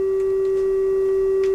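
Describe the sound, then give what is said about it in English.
A single steady pure tone at a middle pitch, matching the frequency of the fifth hammer that Pythagoras discarded, holds unchanged and fairly loud for under two seconds, with a few faint clicks behind it and no voices. “And the question is, what was wrong with the fifth hammer?”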